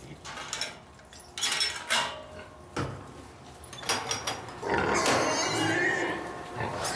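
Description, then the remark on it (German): Pigs, among them a sow, grunt and squeal as they are let in to feed and crowd in at the feed trough, with clattering metal feed troughs and scuffling; a loud, busy burst of squeals builds in the second half, with a voice calling out briefly. “Wir lassen das Schwein erstmal rein zum Fressen und machen dann in Ruhe hier sauber.”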